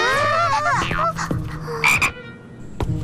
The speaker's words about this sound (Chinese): 你吓不到我，青蛙是益虫，我可不怕。